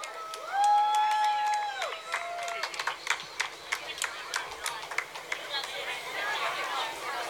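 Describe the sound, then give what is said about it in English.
A crowd at a parade in Ralston, Nebraska, celebrating America's 250th birthday, applauds the parade marshal with scattered, irregular claps, opening with a few rising and falling whistle tones, then fading into a wash of cheering and murmuring voices. “Please give a warm round of applause to our parade marshal, Kid Governor,”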